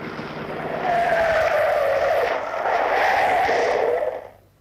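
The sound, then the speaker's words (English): A police car's engine roars loud, its pitch rising and dipping as it comes up from behind and pulls alongside to flag the car down, with a faint tire squeal, then abruptly drops away. No one speaks. “Hello, what's this coming up behind? Looking like the very devil, too. All right, you can pass if you want to. Oh, police car.”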